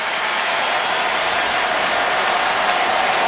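A dense wash of stadium crowd noise at a Braves vs. Dodgers baseball game in Atlanta, cheering and applause blending into a steady roar that swells slightly toward the end, with no voices standing out.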